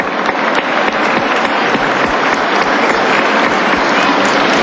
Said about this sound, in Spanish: Quiero reconocer esta acción del Gobierno Nacional y un aplauso, por favor, a ellos.